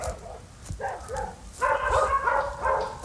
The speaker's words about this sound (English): How many dogs are there?